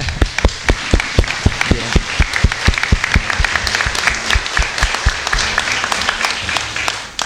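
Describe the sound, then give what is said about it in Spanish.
Audience applause at a church mass for the feast of the Virgen del Tránsito, thanking the music group: a dense patter of many hands with sharper individual claps standing out, steady and fairly loud for several seconds. “Así que darle las gracias al conjunto y también, como yo les decía, eso, un aplauso.”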